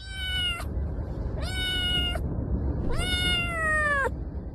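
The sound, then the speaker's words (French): Three drawn-out meows from real cats in the mobile game Catch Cat, each with a bright harmonic tone that bends slightly, over a steady low background hum, with no one talking. “Alors c'est marrant d'entendre les miaulements de ces chats.”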